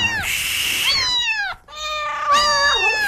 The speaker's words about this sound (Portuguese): A gata pariu outra vez, que eu vi uma ninhada de gato miando, e gato pra lá, e gato pulando na gente, e gato atravessando, vai pra lá, gato, e gato pra cá, gato pra cá, eu tô desconfiado.